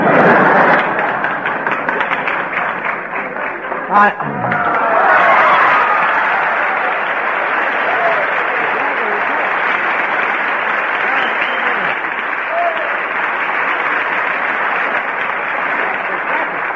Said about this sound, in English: That's where you're supposed to get the applause there.